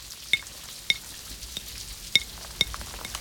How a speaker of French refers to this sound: Les gouttes glissent sur les vitres. Il y en a des grosses, il y en a des petites. Il y a celles qui vont très vite et celles qui prennent leur temps.